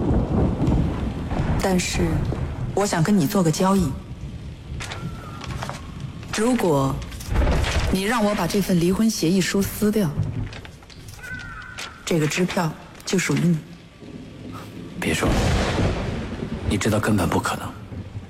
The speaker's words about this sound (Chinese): 外面在闪电，天都发怒了。